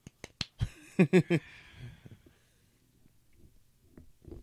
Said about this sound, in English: So, just wrapped up an awesome set by Mr. …. Woo. Golf clap.